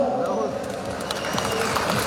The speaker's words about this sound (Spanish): Muchas gracias, fuerte los aplausos.